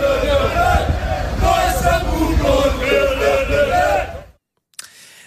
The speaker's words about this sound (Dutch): NEC nam het vanavond in de Champions League op tegen Olympiakos Piraeus. Hoor even het publiek. We zitten dus in Griekenland en die Grieken die zijn niet blij.